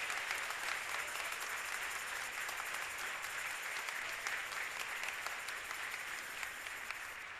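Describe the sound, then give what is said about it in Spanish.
Steady, sustained applause from the audience at an evening Holy Eucharist at the Sagrada Familia parish, thanking the presiding bishop and an accompanying priest. A dense rush of clapping holds an even loudness for several seconds, with no voices standing out. “Fuerte el aplauso.”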